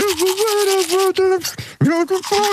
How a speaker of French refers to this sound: Bon, on va écouter le jeu, l'extrait de la brosse à dents pour ceux et celles qui n'étaient pas là.